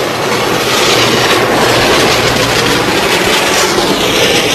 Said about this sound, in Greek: Είναι ο αέρας από το πλυντήριο αυτοκινήτων που στεχνώνει τα αυτοκίνητα.